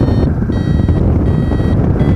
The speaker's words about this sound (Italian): adesso sto cercando di salire, siamo un po' in termica, senti, c'è il bip bip del variometro.